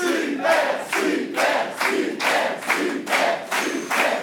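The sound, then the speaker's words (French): A studio audience in Aveyron cheers loudly during a quiz show, in rhythmic waves of roughly two pulses per second, like chanting or clapping in unison. No one speaks over it. “Toujours une super ambiance en Aveyron.”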